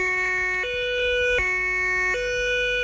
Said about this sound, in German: Tatü, tata, der Krankenwagen ist da.